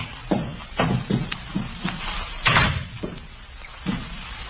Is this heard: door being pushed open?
yes